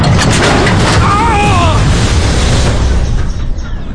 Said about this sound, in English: Gotta get this corn in a crib. Great. Now the stupid elevator's tipping over. What next? Come on. Come on! Straighten up!